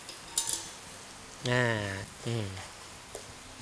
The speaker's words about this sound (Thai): เครื่องแกงของเราก็เป็นไงครับค่อยๆสุกหอมแล้วนะครับเห็นไหมครับมีลักษณะของมันขึ้นเงาเล็กน้อยนะครับจากนั้นนะครับเราจะใส่ขี้เหล็กที่เราต้มแล้วลวกไปเรียบร้อยแล้วผัดลงไปนะครับ